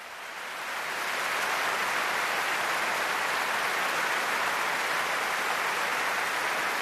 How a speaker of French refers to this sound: Et oui, des applaudissements chaleureux du public pour saluer les 255 choristes, les 10 timbaliers, les cuivres, les percussions, tout cet orchestre et ces deux chœurs réunis pour cette soirée.